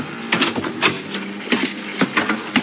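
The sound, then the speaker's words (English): A run of sharp, irregular taps on a cabin door at 10 o'clock at night, several quick knocks spread over a few seconds, with a steady low mechanical hum running underneath. “At 10 o'clock that night, there was a tap on my cabin door.”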